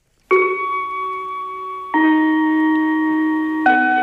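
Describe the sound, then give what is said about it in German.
A primary school gong rings out with three sustained tones, each struck one after another about every two seconds, the notes ringing and overlapping clearly with no voices present, signalling the end of lessons at 1 p.m. “Denn mit dem Gong ist der Unterricht vorbei.”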